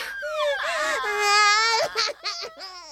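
A baby wails loudly, one long wavering cry that rises and trembles, then breaks into short fretful whimpers and sobs near the end.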